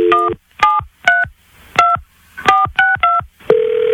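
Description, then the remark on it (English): A quick run of seven touch-tone beeps as a home phone number is dialed, clear in an uneven rhythm, followed by a steady continuous tone on the line. “Let me call the home phone again.”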